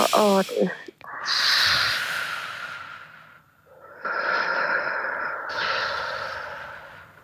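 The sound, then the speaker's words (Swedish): A brief voice at the start, then long, slow breathy exhalations, each a steady airy hiss lasting a couple of seconds with a short pause between them, done as a guided breathing exercise of prolonged, slow exhalation while looking up at the ceiling. “Då förlänger du utandningen så som du gjorde.”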